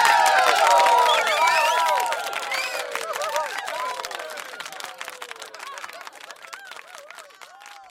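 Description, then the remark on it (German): A large crowd, the whole town, cheers and shouts with many overlapping voices over steady clapping, loudest in the first couple of seconds, then gradually thinning to scattered calls and applause. “Die ganze Stadt hat gejubelt.”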